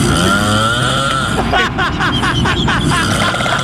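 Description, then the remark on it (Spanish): Loud, harsh snoring with a rattling, motor-like growl much like a chainsaw starting up, steady at first, then breaking into quick rhythmic pulses, continuous throughout. “Oye, parece cuando prende la motosierra, checa, checa bien.”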